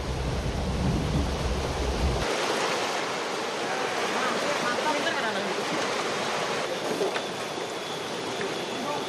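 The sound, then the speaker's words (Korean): Loud, steady rushing of river water churning around rocks in the river, where a raft is travelling. A continuous roar of turbulent flow, with a deep low rumble in the first couple of seconds that then drops away. “맨 처음 나타나는 골칫덩이들인 강물 속 바위들.”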